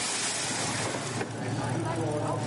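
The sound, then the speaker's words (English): A BMW straight-six race car engine is fired up on pit lane during the night at the 54th Ravenol ADAC 24 hours of the Nürburgring, running at a steady, loud roar, its low droning hum blended with broad, rushing noise and faint indistinct voices in the background. “Fire up that straight six BMW engine.”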